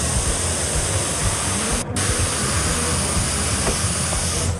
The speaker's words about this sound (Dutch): En dan komt de spuitbus erbij. Dan pak ik mijn airbrush met de speciale airbrush ink voor op de huid. En dan gaat hij.